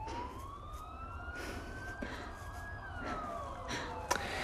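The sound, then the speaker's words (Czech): Ambulance sirens wail, the pitch rising slowly and then falling, steady and faint over a low background rumble, with no one speaking. “To nejsou policajti, to jsou sanitky.”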